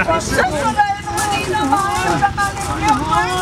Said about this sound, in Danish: altså er det simpelthen figuranter, vi kan høre, der ligger og jammer sig og spiller skuespil?